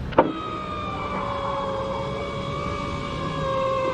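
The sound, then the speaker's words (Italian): A black car with black windows pulls up alongside someone on a night street in Pavia, Italy, idling with a steady engine hum and a thin whining tone, maybe a window motor, after a brief knock at the start. No one speaks. “Ma in quel momento gli si affianca una macchina nera coi finestrini neri.”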